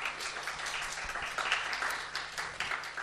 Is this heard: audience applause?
yes